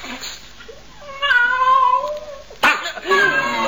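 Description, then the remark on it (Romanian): A cat that has just got loose lets out a long, drawn-out meow with a wavering pitch, fairly loud, followed by a second shorter yowl, with brief background voices around it. “Ți-a scăpat pisica.”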